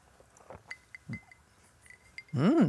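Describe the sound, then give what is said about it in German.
A few light, high glass clinks ring out as glasses are touched together in a toast, followed by a loud, drawn-out vocal sound at the very end. “Da vermisst man wahrscheinlich gar keinen Alkohol, Mama, ne? Komm. Prost.”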